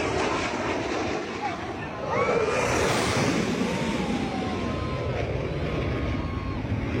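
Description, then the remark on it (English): A Blue Angels military jet roars low and loud over a crowd at a Florida beach, flying over the water, its broad rushing thunder swelling early and then holding steady, with the crowd's voices murmuring beneath the noise. “You can hear one Blue Angel fly past the crowd, flying low and over the water.”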